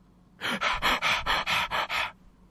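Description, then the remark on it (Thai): A voice imitates asthmatic panting, about seven quick, breathy gasps in a steady rhythm, fairly loud, with no talking. “เป็นหืดหอบเลย”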